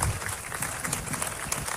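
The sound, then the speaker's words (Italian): Steady applause from an audience at an event, for the young people who built its structures. Many hands clap in a dense, continuous patter at a moderate loudness with no break, and no voices stand out above it. “però vi voglio far presente che tutti questi ragazzi qui che stanno dietro a queste strutture, che si stanno massacrando da un anno per fare questo, glielo fate un applauso fatto bene, bravi ragazzi!”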